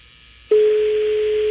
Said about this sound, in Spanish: Está sonando. Teléfono del pastor.